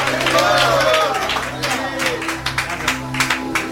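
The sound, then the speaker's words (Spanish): A church audience claps for Jesus during an evening service, at first as a dense, scattered patter, then settling into a steady rhythmic beat, with voices and crowd murmur underneath the whole time. “Dile palmas a Jesús esta hermosa y bendecida noche.”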